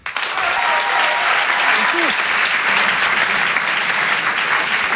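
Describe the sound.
A comedy show audience applauds steadily and loudly as a comedian is welcomed on stage, a dense wash of clapping that holds even for several seconds, with a brief voice or whoop rising through it early on.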